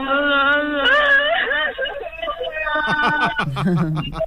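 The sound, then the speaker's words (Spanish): A voice puts on exaggerated, theatrical wailing and sobbing, wavering up and down in pitch, loud, with a slightly tinny, phone-like tone at first before breaking into choppier whimpering cries. “El llanto es que me ha gustado mucho, ¿eh? El llanto del loco.”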